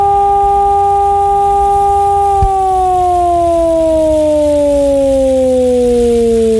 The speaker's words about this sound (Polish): W tym czasie syreny mogą być uruchamiane kilkukrotnie, a podczas ćwiczeń emitowane będą dwa rodzaje sygnałów. Ogłoszenie alarmu to modulowany dźwięk syreny trwający 3 minuty.